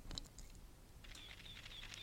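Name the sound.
camera shutter click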